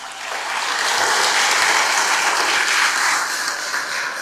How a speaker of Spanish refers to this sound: Venga, para acá, para darle uno a cada uno, pues. Un aplauso para ellos.